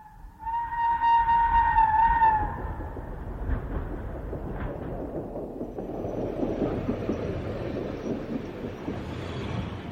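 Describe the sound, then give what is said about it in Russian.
A train horn sounds loudly for about two seconds, followed by the steady rumble and clatter of a train pulling in to a station, continuing without any voices. “Ну вот, и поезд подошел.”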